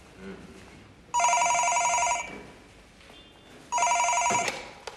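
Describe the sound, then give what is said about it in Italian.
A telephone rings twice with a bright, trilling electronic tone, each ring lasting about a second with a pause between, loud over a faint background murmur. “Pronto? Pronto, dottore. Ci sarebbe una persona per lei a telefono.”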